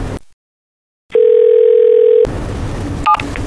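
After a moment of silence, a single steady telephone ringback tone sounds for about a second, loud and clear, then cuts off into a busy room's background noise with a few faint beeps.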